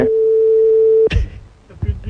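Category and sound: signal or alarm, phone call ringing tone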